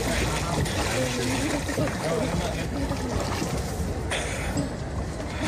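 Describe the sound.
Oars of rowing boats out on a leisurely ride dip and splash through the lake water at Puigcerdà in a steady, continuous wash, with indistinct voices chattering over the watery churn.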